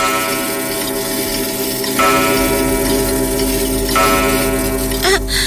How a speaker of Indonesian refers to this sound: Saat sedang asik berdansa, tiba-tiba lonceng tengah malam berdentang.